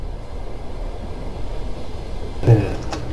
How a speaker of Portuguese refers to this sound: E o comboio também não, porque vamos aqui em andamento, como devem estar a ouvir neste som de fundo. Continuamos aqui esta viagem expresso da meia-noite.